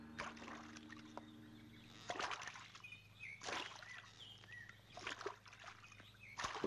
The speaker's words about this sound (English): Brother, there's a boat over there. All right, we'll draw alongside and then we'll board it.